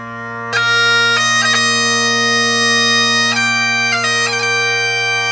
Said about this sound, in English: Goodness. I love it. What is it? Bagpipes. It's bagpipes.